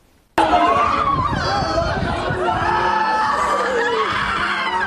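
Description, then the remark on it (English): Shrieks and anguished cries from a distressed crowd after a seven-month-old baby boy was struck and killed erupt abruptly and continue at a loud, steady level, with overlapping high-pitched wails and shouting voices layered over a dense wash of clamor. “Amid shrieks and cries, a portrait of despair.”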